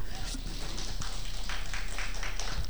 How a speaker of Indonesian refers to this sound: Tepuk tangannya.